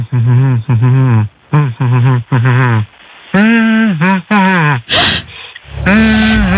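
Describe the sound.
A voice hums the melody of a summer hit pop song in short, rhythmic phrases with brief pauses between them, for others to guess the song. The tone is thin and tinny, and a sharp breath cuts in near the end.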